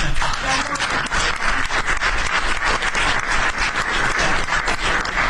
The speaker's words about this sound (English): That was the press that broke out in applause. Can you believe that? I've never seen that happen before. The press actually broke out in applause.